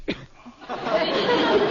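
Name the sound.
sneeze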